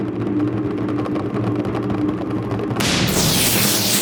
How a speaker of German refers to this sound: Ihr hört den Donner.